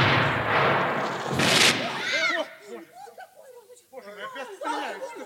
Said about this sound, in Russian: Что это? Похоже на взрыв. Взрыв?